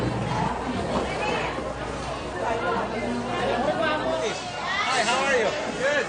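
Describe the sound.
A dense market crowd shouting and chattering over one another, a loud, continuous babble of overlapping voices with sharp raised calls rising above the steady din.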